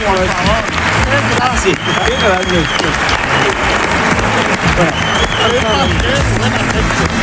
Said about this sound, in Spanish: Pues no, un aplauso para esta chica.